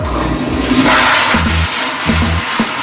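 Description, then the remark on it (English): A toilet flushing sound effect, a loud rushing swirl of water with a gurgling low rumble that carries on steadily for a few seconds, no voices present. “Get it right, you flush. Get it wrong, you're flushed. It's time for the final flush”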